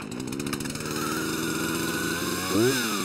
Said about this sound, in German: Hören können sie sich bei laufendem Trecker plus Säge jedenfalls nicht.